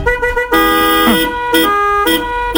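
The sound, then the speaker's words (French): A car horn honks in several loud bursts, long blasts broken by short gaps, with other car horns blaring at once in a dense, steady overlapping chorus, drivers playing their horns together in a car-horn symphony. “Ouais, et dans cette symphonie, c'est simple, suffit juste de jouer avec ton klaxon.”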